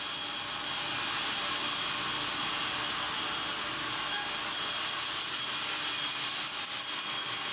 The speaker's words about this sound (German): Schmeiß die Säge an. Schmeiß an. Im Sägewerk der Familie Holz in Kritzmoor.